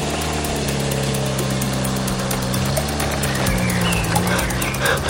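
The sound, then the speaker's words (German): A delivery van starts and its engine runs with a steady, loud droning hum, its low tones wavering and shifting pitch slightly as it drives away. No one speaks. “Der Lieferwagen startete und fuhr weg.”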